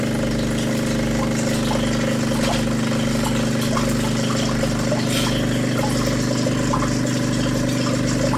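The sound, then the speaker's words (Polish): An espresso machine runs its descaling cycle after a button is pressed, with a steady, loud mechanical hum, its pump droning evenly with a low pulsing rumble and faint clicks throughout, and no one speaking. “Ja teraz nacisnę ten przycisk. O! Jak słyszycie, to ten ekspres właśnie jest odkamieniony.”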